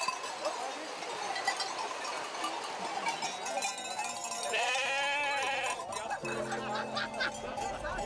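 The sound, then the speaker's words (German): Sheep bleat repeatedly amid a busy crowd at a sheep drive in poor weather, with wavering, mid-pitched calls overlapping the chatter of many people and a few clanking bells in the background. “Es sind meistens mehr Leute als Schafe.”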